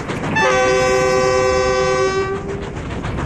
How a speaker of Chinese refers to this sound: 妈，火车为啥能跑这么快？ 这是蒸汽机车，是靠蒸汽带动的，蒸汽把那个活塞啊推来推去，轮子就转了。